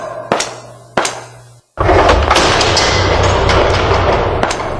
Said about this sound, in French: Ferme la porte, vite ! La porte !